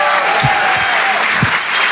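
Loud, sustained applause from the audience of the Rire et Chanson Comedy Club in Paris, a dense steady wash of many hands clapping with a few deeper thumps, no voices standing out.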